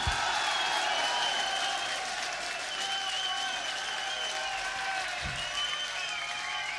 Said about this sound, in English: So, for this man, I'd like an extra special round of applause on the drums and backing vocals, Mr. …!